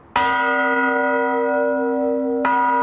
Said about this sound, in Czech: ale problém je v tom, že ty zvony nejsou dělaný stejně a nemají dobrý souzvuk. Ale není automatika, musí se zvonit ručně. Musí se zvonit ručně. Při jakých příležitostech se zvoní? Předvší, vždycky v neděli před 10. hodinou.